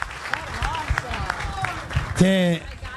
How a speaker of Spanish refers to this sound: Así que les quiero agradecer de corazón y les pido, si me ayudan, un aplauso a todos. Gracias de corazón.